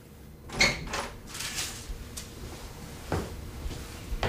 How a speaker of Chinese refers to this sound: 开门。